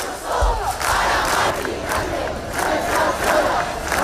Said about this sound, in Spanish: El ático de Ayuso para Mari Carmen, gritaban algunos. Sonido de Madrid, donde cerca de 10.000 personas se concentraban frente al ático comprado por la comunidad.